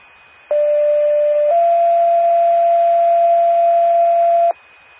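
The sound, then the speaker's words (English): A two-tone alert from the Coupon County 911 paging system, a test page for the Prairie Lane ambulance: a loud, steady mid-pitched tone for about a second, then a slightly higher tone held for several seconds before cutting off abruptly. No voices. “Attention, Prairie Lane ambulance, this is a test of the Coupon County 911 paging system.”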